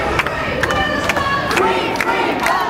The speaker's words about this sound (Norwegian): Som man måske kan høre her, så er demonstranter på gaden for at vise deres støtte til det palæstinensiske folk i Gaza og på Vestbredden.